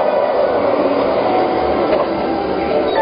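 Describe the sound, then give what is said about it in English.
A smooth, steady mechanical whir of a magnetic hover train gliding along, loud, holding an even level throughout without voices. “Of course, your smart home has already booked you a ticket on the magnetic hover train while you relax and enjoy a beautiful view of the future.”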